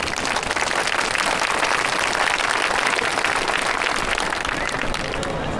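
An audience claps steadily for about five seconds, a dense, crackling wash of many hands at an even, sustained volume, with no voices rising above it.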